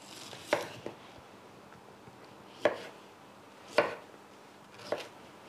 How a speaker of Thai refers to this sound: จะหั่นเป็นชิ้นใหญ่หน่อยค่ะบางคนก็ชอบฝานหรือบางคนก็ซอยเป็นเส้น